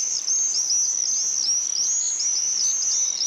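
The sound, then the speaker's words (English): Shrill, high-pitched screeches of common swifts sweep up and down in rapid, overlapping bursts throughout, a flock screaming as they race past overhead, fairly loud. “They're really the sound of the summer, and you hear them screeching over your house, even if you live in a city like I did.”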